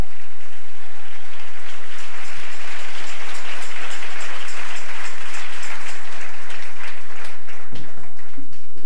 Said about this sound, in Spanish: Aleluya. Dele ese aplauso al Rey en esta mañana.